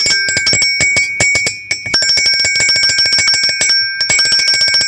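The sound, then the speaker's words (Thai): A bicycle bell rings rapidly and continuously as a man rides his bicycle through a small village, a bright metallic trill of quick repeated strikes with brief pauses, loud, with no voices present. “นี่เสียงกระดิ่งจักรยานนะครับ”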